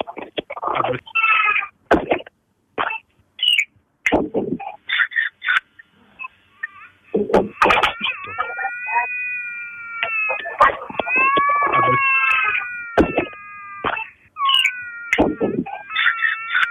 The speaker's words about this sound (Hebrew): כרגע מפונה התינוק לאחר החייה מוצלחת נושא לבית החולים. ועכשיו מאזינות ומאזינים, אחרי ששמענו את התינוק, איזה צמרמורת.